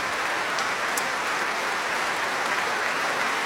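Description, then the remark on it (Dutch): Sustained applause from a concert hall audience after a performance by an ensemble with three countertenors, a dense, steady wash of clapping with no pauses and no voices, holding an even loudness throughout, enough to earn an encore. “En de zaal staat nog steeds te klappen.”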